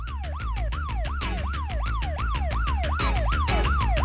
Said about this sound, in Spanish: Ahí está ambulancia, debajo del puente Coruco, desvío hacia la 33, norte, sur, norte, sur, norte.